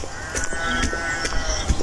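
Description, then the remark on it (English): A pygmy goat named Basil munches on feed at breakfast, its chewing coming through as a series of soft, irregular crunches over a steady hiss of outdoor background noise. “And that's Basil on some feed.”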